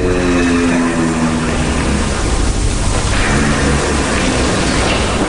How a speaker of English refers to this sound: But then researchers at the University of Vienna discovered this. A low vocal sound that they call a hum. They believe giraffes use this hum to communicate.